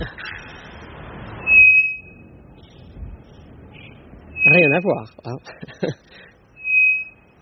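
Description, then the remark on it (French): Three loud, flat, piercing whistles of an araponga bellbird from the Amazon, each a steady high tone of unchanging frequency lasting about half a second, spaced a few seconds apart, with people talking between them. “Ici, c'est un oiseau qu'on appelle l'araponga qui vient d'Amazonie.”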